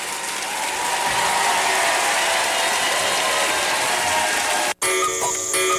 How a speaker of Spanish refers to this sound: fuerte aplauso. Muchísimas gracias.